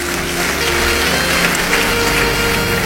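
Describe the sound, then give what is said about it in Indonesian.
The Kristus Penebus church audience applauds steadily, a dense patter of many hands clapping at even loudness for about three seconds, with a faint low hum underneath and no one speaking. “Beri tepuk tangan yang baik.”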